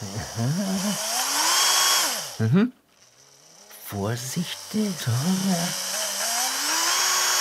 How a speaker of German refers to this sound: Jetzt brauche ich den Achterbohrer für die Grifflöcher.